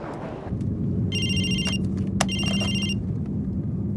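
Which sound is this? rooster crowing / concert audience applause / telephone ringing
telephone ringing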